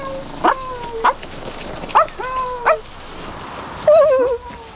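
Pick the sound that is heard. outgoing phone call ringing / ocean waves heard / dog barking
dog barking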